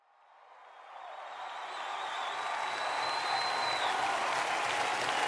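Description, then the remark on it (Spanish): A crowd on Radio Vida Izúcar breaks into applause in thanks to God, swelling from a soft start into steady, dense clapping, with a faint whistle-like tone rising above it for a few seconds. “Fuerte ese aplauso.”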